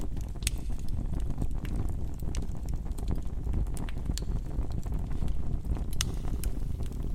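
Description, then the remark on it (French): A fireplace fire, built as an inverted fire with small kindling on top and large wood below, burns steadily with a low, rushing roar as the flame consumes oxygen, broken by frequent sharp, irregular crackles and pops. No voices are heard. “Je suis installé près du feu de cheminée. On entend le bruit de la flamme.”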